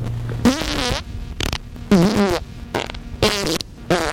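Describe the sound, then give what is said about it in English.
A string of five or six loud, sputtering farts with squeaky, wavering pitch, separated by short pauses and heard on their own with no talking. “You may experience gas with oily discharge, increased bowel movements, an urgent need to have them, and an inability to control them.”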